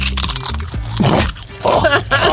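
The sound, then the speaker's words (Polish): Dry crunching and cracking from a knee joint, a quick run of crackles repeating over about two seconds, fairly loud, with faint low vocal noise underneath. “O, tak chrupie.”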